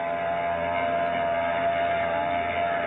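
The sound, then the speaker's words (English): A ship's engine drones steadily as the Brisbane Star pulls away from its pier at the Embarcadero in San Francisco a few minutes before 12, a loud, constant rumbling hum with a faint tonal whine running through it and no voices. “She's pulling out all right, baby.”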